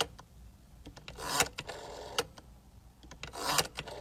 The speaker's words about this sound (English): She said, how about this one, the rotary phone?